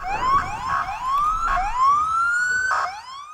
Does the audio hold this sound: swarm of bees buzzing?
no